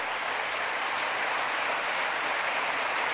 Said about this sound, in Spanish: El sacramento es maravilloso. Dele a Dios un aplauso por el sacramento de la confesión.